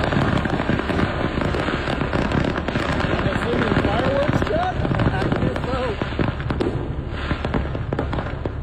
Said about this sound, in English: And the interstate on both sides, obviously, has been completely stopped. There are fire trucks behind it, and they're just waiting for all the fireworks to go off. Man, this thing is nuts. There's red, white, blue colors.